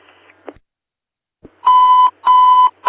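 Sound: fire dispatch alert tone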